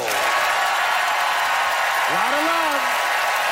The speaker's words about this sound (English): It is time for our audience to vote by applause.